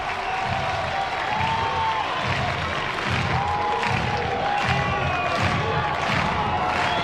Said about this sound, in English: This raucous game three crowd is alive.